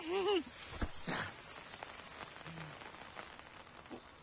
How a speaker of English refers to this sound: Today on Sesame Street, we are expecting rain.